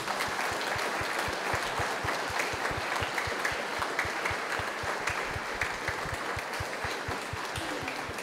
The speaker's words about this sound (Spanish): Le damos todos un muy fuerte aplauso a Cristo Rey.